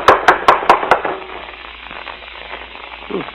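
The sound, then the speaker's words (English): Five quick, evenly spaced knocks rap on the wooden door of a house in the first second, crisp, then give way to a hissy, quiet background with a faint murmur near the end. “Don't rap too hard.”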